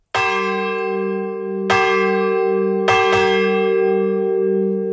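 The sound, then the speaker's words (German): The Wölbersbach church bell, a community project for 25 years, tolls loudly, struck four times with the last two strikes nearly doubled, each blow leaving a long, humming resonance that rings on between hits. “Die Wölbersbacher Glocke, ein Gemeinschaftsprojekt seit 25 Jahren.”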